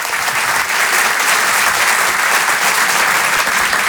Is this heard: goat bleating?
no